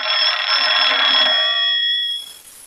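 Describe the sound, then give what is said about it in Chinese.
An old-fashioned telephone bell rings loudly and continuously with a bright metallic tone for about two seconds, then cuts off and fades, with no one talking; it is a call for the regiment commander. “哎，啊，团长电话。”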